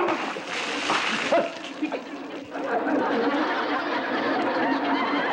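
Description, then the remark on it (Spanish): Water that is no longer needed is thrown out, splashing and splattering in a dense, noisy burst, with a sharper splash around the middle, while voices chatter in the background; a scene from El Chavo del Ocho. “Perdóneme usted, pero es que, mire, estábamos tratando de tirar el agua que ya no sirve, ¿me entiende?”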